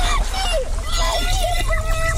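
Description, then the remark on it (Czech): Muffled underwater ambience recorded underwater with a hydrophone, an underwater microphone, for a five-part Rádio Junior audio series: a dense, steady wash of water noise with low rumble and faint warbling, gliding tones drifting through, continuous. “Využili třeba takzvaný hydrofon, podvodní mikrofon, který dotváří atmosféru nebezpečí skrytého pod hladinou.”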